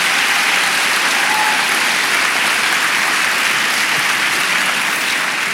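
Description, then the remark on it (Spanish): A church audience applauds steadily in praise of God, a dense wash of many hands clapping at once, loud, with no voices standing out. “Dele palmas al Señor.”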